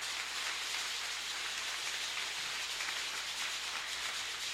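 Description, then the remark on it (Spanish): Sustained applause from an audience at a Catholic Mass, for two people serving at a radio station: a dense, steady wash of many hands clapping at once, holding an even loudness for several seconds with no voices over it. “Vamos a darles a ellos un fuerte aplauso de su servicio.”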